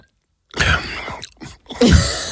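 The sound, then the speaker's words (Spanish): Someone drinks water noisily from a glass: after a brief silence come loud, wet slurps and gulps in three or four bursts separated by short pauses, the last burst the heaviest. “Voy a beber agua.”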